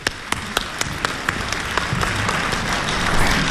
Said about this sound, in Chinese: 谢谢各位热情的掌声。